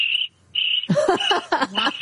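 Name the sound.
crickets chirping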